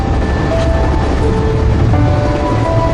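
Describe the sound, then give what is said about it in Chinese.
A steady, loud rumble of a high-speed train running on rails on the trip back to Delehan (德累汉), with a continuous low roar and faint high whines drifting in and out, heard from inside a moving carriage. “是第一次坐火车回德累汉，以前小的时候是卡车，一天也到不了，在沿途得住上一晚上。”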